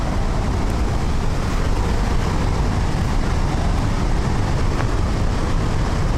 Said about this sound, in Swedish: Och man hör ju här vattenmassorna. Nu ser vi Handelsforsen också.